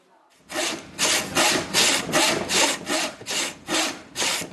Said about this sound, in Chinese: 现在已不仅仅是在为太平节雕刻面具，他对这门手艺有了分不开的感情。